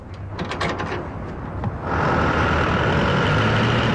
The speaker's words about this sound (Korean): 한목진의 트럭이 창고를 빠져나가고 있을 때 장사꾼들에게서 달마다 관리세로 상납금을 받아가는 건달 두목 셋째가 멀어져가는 트럭을 요심히 쳐다본다.